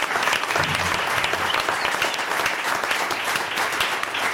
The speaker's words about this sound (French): On applaudit les bénévoles de Bossonance, c'est l'association qui organise Art en plein air.